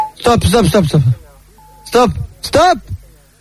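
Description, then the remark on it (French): Voices speak in short bursts, and in a pause between them a single thin, steady electronic beep of a telephone message service sounds for about half a second at a medium pitch, fairly faint. “Après le bip sonore.”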